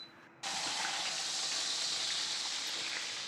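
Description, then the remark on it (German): A bone-in leg of wild boar hits a hot pan for a brief sear and immediately bursts into a loud, steady sizzle, a dense hissing crackle that continues without letup for several seconds. “Joe brät die Keule kurz in der Pfanne an.”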